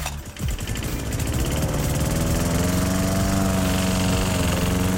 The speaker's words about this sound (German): Und weil SWR4-Hörerin Hildegard Balz aus Mutterski diesen Rasenmäher bei uns im Programm gehört